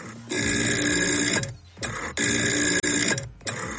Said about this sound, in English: It's an app that's a dial phone.